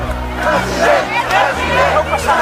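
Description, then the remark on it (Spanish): A large crowd in Barcelona chants and shouts "president, president" in unison in 2024, a loud sustained roar of many voices with rising and falling rhythmic surges throughout. “Fue recibido así, a gritos de president, president.”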